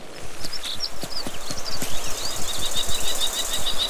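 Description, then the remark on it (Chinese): A common kestrel gives rapid, shrill alarm calls in a repeated series, sharp and high, warning and driving a golden eagle away from its nest in the Alps, over scattered clicking and rustling noises outdoors; no one speaks. “红隼的叫声引起了许多动物的注意，金雕的偷袭计划因此落空，看它们纷纷提高警惕。”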